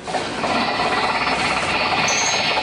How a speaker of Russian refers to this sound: А вот как садится вертолет. Это стандартная ситуация. Вертолет садится в груз, в людей.